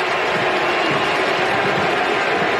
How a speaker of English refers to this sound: Listen to the crowd going crazy for him, right?